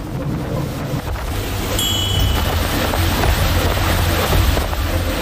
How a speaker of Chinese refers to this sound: 就在执法艇逼近的刹那，目标快艇突然发力，毫无征兆的骤然加速猛窜出去。